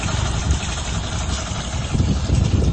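A boat engine idles with a steady low rumble, broad and continuous, fairly loud, with a faint hiss of water or wind over it and no voices.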